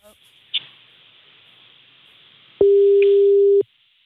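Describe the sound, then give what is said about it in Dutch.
A steady, single-pitched telephone line tone sounds for about a second, loud and unbroken, after a stretch of faint hiss with a brief click, while a call is placed live on a radio show; no one speaks over it. “We zitten nu zeg maar met het hele land zitten we naar een overgangstoon.”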